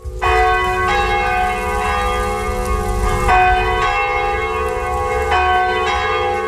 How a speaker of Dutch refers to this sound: De Sint-Andreaskerk in Meerlijk ging onlangs dicht om plaats te maken voor woningen en appartementen. De twee klokken hoog in de toren slaan nog wel ieder uur. Maar het lui daarvan behoort nu definitief tot het verleden.